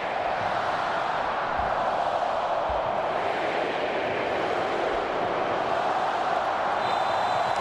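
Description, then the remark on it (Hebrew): A huge stadium crowd chants a countdown together before kickoff of the 2026 World Cup match between Spain and Saudi Arabia, a dense, steady roar of thousands of voices filling the whole stretch at constant loudness, with no single speaker standing out. “הכל מוכן לפתיחת המשחק, ספרד עם החולצות האדומות, המכנסיים והגרביים בצבע כחול, סעודיה הכל לבן ומספרים בצבע ירוק, ושימו את הקהל סופר לאחור.”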